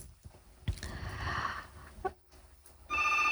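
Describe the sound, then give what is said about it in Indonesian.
A telephone rings with a listener's incoming call on a radio station's phone line, a bright electronic trill that starts, pauses briefly, then resumes loud, with no one speaking. “Iya, sudah ada yang bergabung ya ternyata ya di line telepon ya.”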